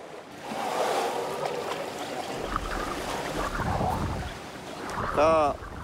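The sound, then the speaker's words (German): A female elephant plays in deep water, splashing and churning in a continuous wash of sloshing sound, with a low rumble underneath and a brief tonal call rising near the end. “Sie spielt gerne im tiefen Wasser.”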